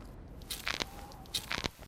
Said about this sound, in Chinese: 哦，就这样， 这个声音， 对，就这个声音。我这个膝盖做了手术，就每一次蹲下去起来，它都咔嚓咔嚓的响。 常年的登山下山伤膝盖， 一直在野外工作跑了十几年，所以呢我这个一双膝盖磨损特别严重。